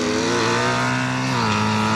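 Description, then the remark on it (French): A motorcycle with no clutch lever or gear selector revs loudly and continuously, its buzzing harmonic drone holding steady, then dropping in pitch partway through as it shifts gear automatically. No one speaks. “Voilà, ce bruit-là, c'est énorme.”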